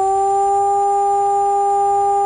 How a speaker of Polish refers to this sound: Dźwięk dla ochrony ludności to 3-minutowy modulowany, czyli falujący sygnał syreny. Odwołanie alarmu to zaś dźwięk jednostajny.